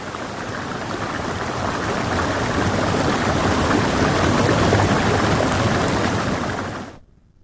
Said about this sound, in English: You're listening to the sounds of Bean Creek on 99.1 WQRT LP Indianapolis